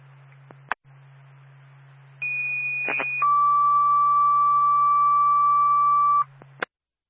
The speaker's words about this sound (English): State Franconia Fire Department, stand by for tone.